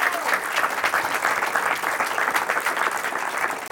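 Steady, dense clapping from an audience applauding a second-place contestant's wife seated in the front row, a continuous wash of many hands at an even loudness throughout, with no voices standing out.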